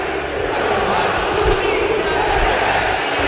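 A huge stadium crowd of fans chants at a football match at the Mineirão, a dense, steady wall of massed voices that stays loud and unbroken for the whole stretch, with no single voice standing out.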